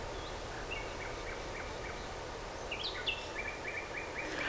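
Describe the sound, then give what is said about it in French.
Birds singing outdoors at a grotto in Brussels, Belgium, a series of short chirps and trilling phrases repeating over a steady low background hum, soft, with no one speaking. “Des oiseaux.”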